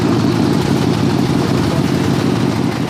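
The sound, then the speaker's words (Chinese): A motorcycle, just fitted with a new German part, idles steadily, a continuous low rumble with a rough, even texture that holds at the same loudness throughout, with no voices. “这会儿辆摩托车，刚换了个德国零件。”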